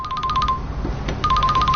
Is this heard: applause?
no